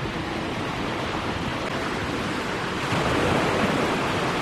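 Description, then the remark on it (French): A steady, dense roar of ocean surf washing onto the shore, filling the whole clip with no pauses and swelling a little louder partway through. No voices are heard. “La nuit, il faisait bon écouter le ressac à l'abri des murs de granit.”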